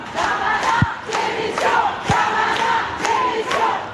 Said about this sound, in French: Et ici différents chants sont repris par la foule, notamment un